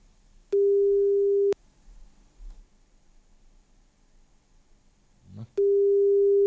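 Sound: telephone ringing tone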